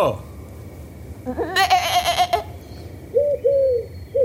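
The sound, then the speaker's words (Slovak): A sheep named Bétka lets out a wavering, quavering bleat, then two shorter, softer bleats follow after a brief pause. “A ty sa tu kde berieš, ovečka naša?”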